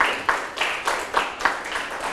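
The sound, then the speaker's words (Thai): A group of students clapping together for three classmates, a steady dense patter of many hands with a few sharper accents, fairly quiet and continuous over a couple of seconds with no voices. “ปรบมือให้เพื่อนทั้ง3คนเลยนะครับ”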